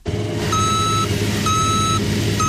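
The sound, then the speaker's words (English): A cargo truck being loaded with soybeans idles with a steady low engine rumble while a backup alarm beeps in slow, evenly spaced tones, about three long beeps, fairly loud, with no voices. “loads soybeans into a cargo truck.”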